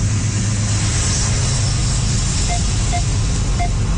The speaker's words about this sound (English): That's some of the sound from this CN train that you can find online as well.